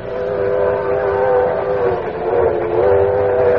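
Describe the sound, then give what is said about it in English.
Steady, loud rumble of a moving passenger train heard from inside a carriage, with a constant droning hum and rattling undertone that swells slightly but never stops. No one speaks. “There was only one place I could go, the club car.”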